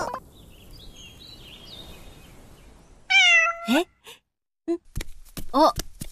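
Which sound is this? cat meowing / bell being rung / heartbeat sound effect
cat meowing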